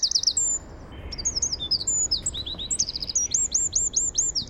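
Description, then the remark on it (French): A Eurasian wren, a tiny 9 cm bird, sings a loud, rapid torrent of high trills and sharp repeated notes, ending in a run of bright rising whistles, clear over a faint background hiss. “On va l'écouter, le troglodyte mignon.”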